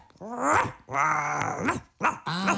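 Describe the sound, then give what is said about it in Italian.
A dog named Biscotto growls and barks in a few loud bursts, its throaty rumbling voice rising and falling across short vocal phrases separated by brief pauses. “È Biscotto, il tuo cane, vero Moccio?”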